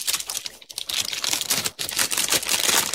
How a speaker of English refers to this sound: Now, everything's loaded in the computer, but to make it fair, I'm going to press the shuffle button.